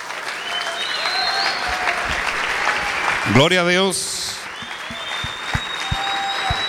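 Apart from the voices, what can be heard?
audience applause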